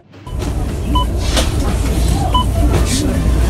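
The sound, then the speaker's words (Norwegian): A bus rumbles along with a steady, deep engine drone that starts abruptly and stays loud, while faint high beeps and chimes sound intermittently over the noise. “Vi andre tar bussen.”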